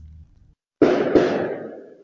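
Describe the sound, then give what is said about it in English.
Two sharp, loud bangs in quick succession, each bursting across a wide range and leaving a rumbling echo that fades slowly, like fireworks popping or gunshots, heard at night in Portage la Prairie, where the RCMP found a source other than gunshots. “That was the sound heard last night in Portage la Prairie as reports of what seemed like gunshots were heard.”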